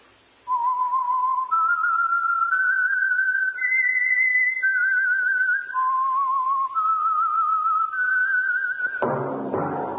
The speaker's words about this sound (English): Yes, friends, that whistle is your signal for the Signal Oil Program, the Whistler.